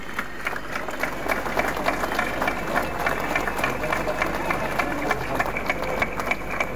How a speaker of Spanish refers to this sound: Fuerte y sostenido aplauso de toda la comunidad universitaria.